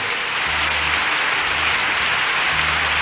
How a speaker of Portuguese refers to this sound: Aplausos, né? Aí, mais palmas, oi!